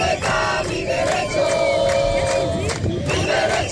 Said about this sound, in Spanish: Son los gritos de los manifestantes que entre numerosas banderas de España, Ceuta y Europa han marchado 2 kilómetros hasta llegar hasta la frontera del Tarajal, donde se han concentrado durante varios minutos custodiados por la policía.